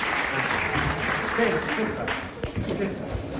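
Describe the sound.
An audience applauds steadily, a dense wash of many hands clapping at a fairly loud, even level throughout, with some voices faintly mixed into the noise.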